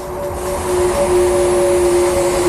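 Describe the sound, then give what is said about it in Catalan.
A steady electric motor whir from the new electric Ferrari Luce, with one motor per wheel and over 1,000 horsepower, with sustained tonal hums over a broad rushing wash, loud and continuous for the whole stretch with no speech. “Així sona un Ferrari normal i així sona el nou elèctric.”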